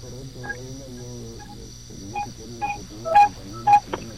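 A bicycle horn gives a run of short, pitched honks, two louder bright toots standing out near the end, over a steady electrical hum and faint background murmur.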